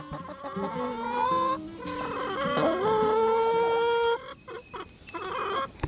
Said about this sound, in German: Also, wir haben sehr viele Hühner, aber ich weiß nicht genau die Namen davon. Also, wir haben 16 Hühner